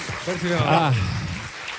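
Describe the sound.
Steady audience applause, a dense crackling wash of clapping that lasts the whole moment, with a voice speaking or calling out over it.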